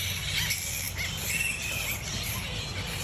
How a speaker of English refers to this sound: But if a colony of flying foxes formed near your home, you'd know about it.